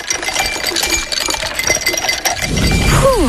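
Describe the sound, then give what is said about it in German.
Ice cubes clink and rattle in a glass in a rapid, busy flurry of bright taps, followed by a low rush and a falling whistle-like tone at the very end. “kannst du bitte nochmal die Eiswürfel?”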